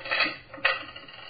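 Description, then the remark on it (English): A set of keys, taken out of a person's pocket, is put down on a table: a jangling metallic rustle, then a sharper clink a moment later, moderately loud, with no talking. “My keys.”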